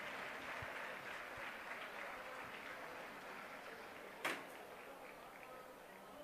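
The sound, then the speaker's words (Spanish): Steady applause from Club Deportivo Leganés fans, an ovation on seeing Álvaro Morata in his new shirt with the number 21 at his presentation as a new player; a dense wash of many hands clapping at even volume, with one brief sharper knock partway through. “Ya se ha enterado la afición del Club Deportivo Leganés de esa imagen con Álvaro Morata, con su nueva camiseta, una nueva ovación viéndole con ese dorsal con el 21.”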